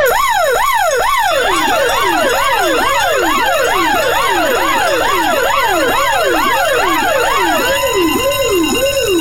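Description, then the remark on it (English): A loud, rapid yelping siren-like wake-up hooter, sounded as a 7:30 morning alarm clock, wails up and down in quick repeated sweeps, several tones overlapping, sounding continuously for about nine seconds with no voices. “Your 7:30 hooter, your alarm clock, you need to get out of bed, and we need to wake up robot.”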